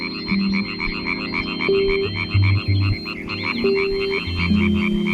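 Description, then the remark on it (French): European tree frogs (Hyla arborea) at a forest pond in Switzerland croak in a dense, rapid chorus of pulsing calls, steady and loud throughout, with low tonal notes and brief hums layered underneath; no one speaks. “La rainette verte qu'on entend croasser se reconnaît facilement à sa couleur et au disque adhésif qu'elle porte au bout de ses doigts.”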